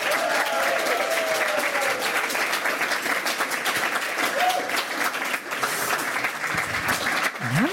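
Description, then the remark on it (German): Loud, sustained applause from a sizable crowd, dense and steady clapping with a few cheers and whoops rising above it throughout, welcoming a guest from Chicago Williams. “In diesem Sinne begrüßen Sie mit einem frenetischen, von Herzen kommenden Applaus”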